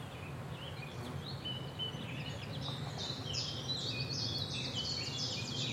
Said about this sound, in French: Là, par exemple, on entend un pouillo véloce. On appelle ça le compte écu, qui va chip, chap, chip, chap, chip, chap, chip, chap. En anglais, il s'appelle chip, chap.